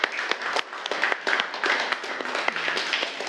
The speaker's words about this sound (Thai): กลุ่ม4นะคะปรบมือให้กลุ่ม4หน่อย